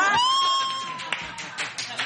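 A game show audience cheers with a long rising whoop, and a few scattered claps break through as the cheering fades, lively, a burst of joy after a song is guessed correctly.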